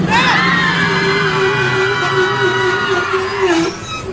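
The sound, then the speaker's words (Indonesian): A car brakes hard to avoid a truck stopped on the road shoulder ahead, its tires letting out a loud, sustained screech that holds for several seconds before abruptly cutting off. “Pak, Pak Basuki, awas depan, Pak. Rem, Pak, rem.”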